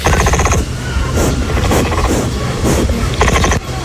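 An angry capybara grunts loudly in a rough, throbbing series of harsh, buzzy pulses that swell and fade over a few seconds, with no talking.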